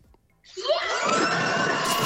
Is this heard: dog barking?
no